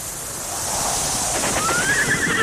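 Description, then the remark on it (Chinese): Steady outdoor wind-like ambience of open grassland, with a horse's loud whinny rising and wavering near the end. No one speaks. “草原，大海。”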